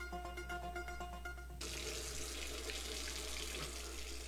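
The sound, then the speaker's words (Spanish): Water runs steadily from a tap, a broad hissing splash that grows fuller and louder after the first second and a half as the flow opens up. No voices. “Si no cerras la llave mientras lavas los platos o te cepillas los dientes, estás desperdiciando el agua que se tomarían 44 personas en un solo día.”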